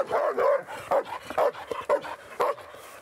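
A dog barks repeatedly in quick, uneven bursts, about seven or eight sharp barks, with a few higher yips mixed in and no one talking.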